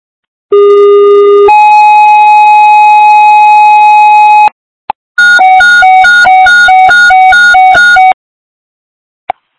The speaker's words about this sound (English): Westfire, stand by for tones.